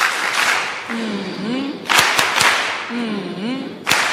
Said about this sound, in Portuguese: Queria pedir aos meninos aquelas palmas carinhosas para a nossa Presidente e a Assembleia da República.